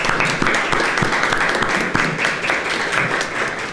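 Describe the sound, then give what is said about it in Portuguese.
A crowd breaks into a round of applause for Benedita da Silva, many hands clapping in a dense, steady wash that stays loud for the whole stretch without fading. “Eu diria, outras tantas poderão ser igual, mas nenhuma mulher negra tem defendido tanto o nosso povo como Benedita da Silva, que eu dou uma salva de palmas.”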